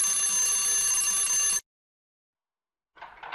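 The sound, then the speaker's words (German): A loud, buzzing electric doorbell at a hotel rings steadily for about a second and a half, then cuts off abruptly into silence before a short burst of another sound starts. “Dort sollten wir klingeln.”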